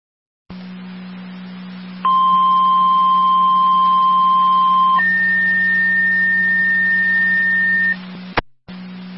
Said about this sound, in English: Fire control to Miller Hose, second set of tones for the medical alarm activation at 2611 Howard Street between Corin and Karen.